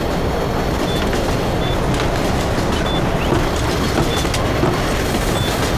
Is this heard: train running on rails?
yes